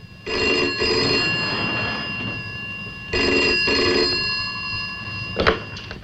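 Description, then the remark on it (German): A telephone rings in two long bursts separated by a short pause, each a bright, buzzing electric bell with a steady high tone, followed by a brief clatter at the end. “Noch immer keine Antwort. Lass weiter läuten.”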